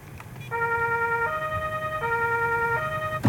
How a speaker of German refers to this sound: Da haben wir hier diese Tastatur, kann natürlich am Radio, kann es keiner sehen, aber da können wir mit einem Knopf schalten einfach Blaulicht und Horn an. Das werde ich jetzt mal machen.